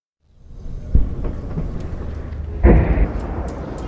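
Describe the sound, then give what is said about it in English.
Two deep, rumbling explosions go off in the distance, heard from a hospital in Abati in southern Lebanon, about two seconds apart, the second heavier and longer, over a steady low background rumble with no one speaking. “We've just arrived at the hospital here in Abati, and we've just heard two loud explosions in the distance.”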